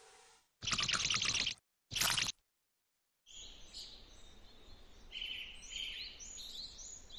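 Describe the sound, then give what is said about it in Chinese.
Two brief, noisy rustling bursts are followed by a small bird with an injured wing chirping repeatedly in quick, high-pitched peeps while being fed, over a soft, steady background hiss. No one speaks. “小鸟快吃。”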